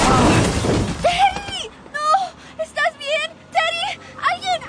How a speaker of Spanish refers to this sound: ¿Este joven fue atropellado por un auto? Sí, y estoy preocupado porque su casco está destrozado y abierto.